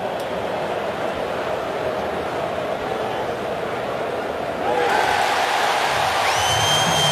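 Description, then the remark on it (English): A large baseball stadium crowd in Cleveland, at the corner of Carnegie and Ontario, makes a steady broad roar during the 7th inning with Cleveland leading 4-0, then swells louder about two-thirds of the way through as fans react to a challenged call, with a few thin whistles rising over the noise. “I think the crowd just told you.”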